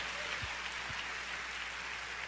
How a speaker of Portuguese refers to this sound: E como nós fazemos? Damos um aplauso ao Senhor.